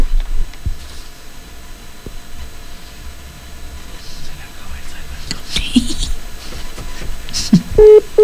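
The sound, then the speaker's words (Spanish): Soft rustling and faint murmuring give way to telephone line tones near the end as a live phone call is placed, with a short, steady electronic beep sounding twice in quick succession. “A ver, vamos a marcar otra vez.”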